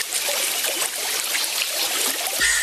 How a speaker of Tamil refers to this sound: நல்ல மழை பெஞ்சு தண்ணீர் எல்லாம் கரையை தொட்டுக்கிட்டு எவ்வளவு அழகா ஓடுது பாரு.